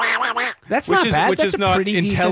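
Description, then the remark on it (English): A person does an impression of Donald Duck, a garbled, quacking cartoon-duck voice: a short burst of nasal squawks, then a brief pause and a longer run of buzzy, sputtering duck-like babble. “in my head I was like, oh yeah, I do this great impression of Donald Duck.”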